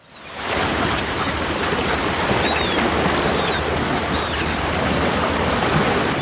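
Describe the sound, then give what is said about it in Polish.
A steady, loud wash of sea surf on the shore fills the whole recording, with brief high-pitched calls faintly audible above the roar. No one speaks. “No drugą też, może niekoniecznie, ale dzięki temu, że nasza polska przyroda jest tak bogata i tak niesamowita, to może wybrać się na przykład nad morze.”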